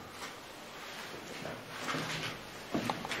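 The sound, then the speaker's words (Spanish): A door leading outside to the back of the building, in an autopsy room, is handled amid a hiss of background noise, with soft scraping and a couple of brief clunks toward the end. No one speaks. “Bueno, y aquí tenemos una puerta que da al exterior, da a la parte trasera.”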